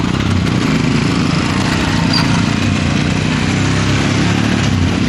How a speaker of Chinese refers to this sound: 早上10点，德尔贡村村委会大院里，摩托车巡边队已经列队完毕。一面面崭新的五星红旗插在摩托车上，发动机依次响起，沉睡的山谷被唤醒了。